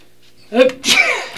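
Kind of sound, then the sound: human body sound, sneezing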